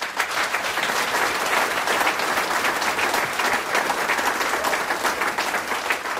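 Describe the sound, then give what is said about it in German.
Sustained applause from an audience welcoming the singers and musicians, led by a band from Going am Wilden Kaiser: a dense, steady wash of many hands clapping at even loudness for several seconds with no voices standing out. “Begrüßen wir es mit einem Applaus.”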